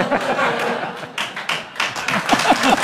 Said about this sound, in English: That gets applause.